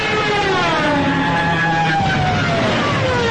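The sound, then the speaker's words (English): A loud, sustained siren scream from a diving German Stuka dive-bomber of World War II, its wing-mounted siren's wailing tone sliding steadily downward over a rough, roaring engine rush, with no voices. “also the siren screams of Stukas, dive-bombing German airplanes from World War II.”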